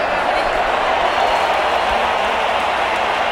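A huge stadium crowd of football fans at a World Cup match roars and sings chants together as Mexico leads, a dense, steady wall of voices, loud and continuous throughout, with no single speaker standing out.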